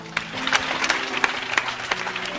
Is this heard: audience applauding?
yes